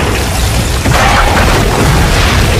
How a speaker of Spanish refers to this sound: Apenas cruzaron el umbral cuando el techo se derrumbó.